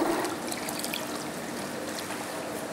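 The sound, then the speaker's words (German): Aquarium water trickles and gurgles steadily through a hose, started by sucking on it, as an aquarium is cleaned; a continuous flow of liquid with small splashy bubbles, no one speaking over it. “Putzen beginnt hier mit einem kräftigen Schluck Aquariumswasser.”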